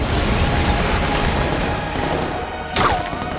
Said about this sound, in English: She throws a charge down, which explodes. Keep moving!